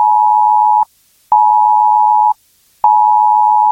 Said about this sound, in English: On Sunday, 7th of September at 3 p.m, the UK government will carry out a planned test of the emergency alerts system. You'll get an alert like this on your mobile phone.